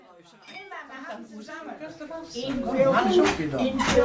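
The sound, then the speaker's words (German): Glasses clink together in a toast, a few bright chimes near the end, amid a lively group of voices talking and cheering. “Hallo! Prost! Prost!”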